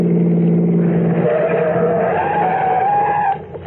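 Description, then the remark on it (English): A police car brakes hard to a stop, engine droning under a loud, rising tire squeal that cuts off sharply near the end. No one speaks. “Stop the car, quick.”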